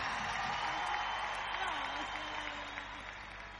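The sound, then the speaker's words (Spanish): An audience applauds in a steady, dense wash of clapping that lasts the whole stretch without letting up, fairly soft overall, with a faint voice murmuring underneath. “¡Aplauso fuerte”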